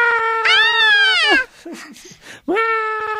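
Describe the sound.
A voice imitates a frightened wailing scream: a long, loud, high wavering wail, a few breathy gasps, then a second wail starting up, with no other sounds.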